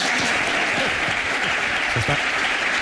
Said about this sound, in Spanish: Orgulloso de tener a los mejores jugadores del mundo. Orgullosos de que vuelva uno de los mejores entrenadores del mundo, un madridista como es José Mourinho. Aplausos.